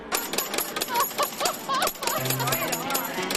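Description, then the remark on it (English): A slot machine pays out, with a rapid, continuous clatter of coins dropping into a tray mixed with chirpy electronic jingle tones, fairly loud amid faint background chatter. “Dude, you hear the coins popping out?”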